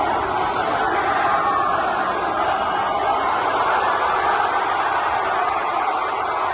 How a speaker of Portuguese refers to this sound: A seleção portuguesa foi recebida em festa, no hotel em Toronto, por milhares de adeptos.